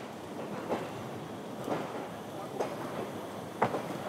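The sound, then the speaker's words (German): A small narrow-gauge tourist train of the Białowieża railway enthusiasts rolls along steadily on a remaining stretch of the former Wörsitzer Kreisbahn narrow-gauge network, its wheels giving a rhythmic clack roughly every second over a continuous low rumble, with no one speaking. “Die aber werden regelmäßig von den Touristenzügen der Eisenbahnfreunde von Białowieża genutzt.”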